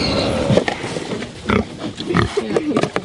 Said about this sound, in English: The happy pig, getting scraps at Te Kura Kaupapa Māori o Te Rito, a Māori immersion school in Otaki.